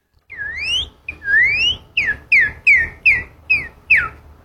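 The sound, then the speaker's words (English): A person whistles an imitation of a northern cardinal's song: two long rising slurred notes followed by a quick series of six sharp descending chirps, clear with no talking. “And so what's the most common bird you hear around you? The northern cardinal.”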